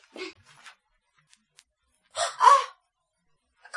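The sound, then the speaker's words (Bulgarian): A short, loud rooster crow from inside a wardrobe rings out after a brief quiet stretch, preceded by a softer squawky sound, with no talking. “Петел не живее в гардероба ти.”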